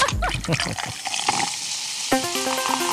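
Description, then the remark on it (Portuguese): A bottle of tonic water opens and pours with a steady fizzing hiss over about two seconds, then a short melodic tone sequence takes over. “Abre água tônica.”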